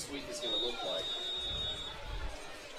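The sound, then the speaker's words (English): A football official's whistle sounds one steady, thin blast lasting over a second, signalling a timeout, above the murmur of a crowd and background chatter. “Officials blowing the whistle here.”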